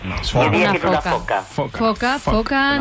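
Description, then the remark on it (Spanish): A Mediterranean monk seal calls in a rapid series of loud, wavering wails, roughly eight or nine voiced bursts with breathy, hissing edges, with no talking over them. “Pero diríais que es una foca monje, un delfín balear o una mantarraya parda.”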